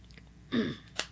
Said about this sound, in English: I'm going to take a quick sip of water here right now, if you don't mind.